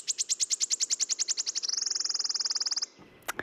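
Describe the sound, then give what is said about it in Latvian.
A warbler sings alone in a forest: a run of high, evenly spaced ticking notes that speeds up and merges into a fast, shivering trill, like a coin spinning down, then stops. “Un dziesmiņa ir ļoti raksturīga, ja iesiet pa mežu, tad noteikti dzirdēsiet, ka tā griežas kā monētiņa.”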